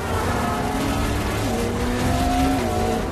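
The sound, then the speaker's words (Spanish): A car engine roars at high revs, its pitch rising and shifting as Natasha and Yelena's getaway car speeds hard along a busy avenue, chased by a motorcycle, with faint tire squeal in a loud, steady racing rush and no voices. “Natasha y Yelena aceleran a lo largo de la calle mientras que la moto salta por las escaleras de piedra persiguiéndolas.”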